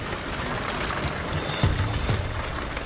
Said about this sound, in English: As if they are dancing, each fisherman uses a bamboo pole to scoop something out constantly. The things plopping into the boats are tuna fish.